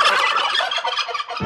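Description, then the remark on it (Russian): A turkey gobbles loudly, a rapid, rattling burst of warbling calls that fills the moment before a short low thump at the end. “Индейка.”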